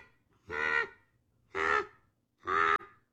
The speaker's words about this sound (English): This is what the bald eagle actually sounds like.